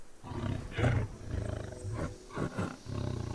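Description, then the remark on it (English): A tiger in a forest, out in search of dinner, growls low and rumbling, then lets out several loud, throaty roars in a series of bursts, powerful, with no voices present. “Till the apparent quiet is broken, first a growl, and then the mighty roar. The tiger is out in search of dinner.”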